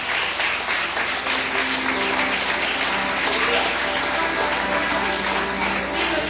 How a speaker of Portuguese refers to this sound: Palmas que louve ao Senhor.